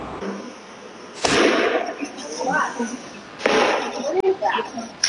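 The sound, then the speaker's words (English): Several sharp gunshots crack out at irregular intervals, about four in all, in security camera footage shortly after 8 p.m. at a crowded street festival celebrating Latin culture, echoing over a noisy street scene with voices murmuring and shouting between the blasts. “You can hear the gunshots ringing out in security camera footage shortly after 8 p.m.”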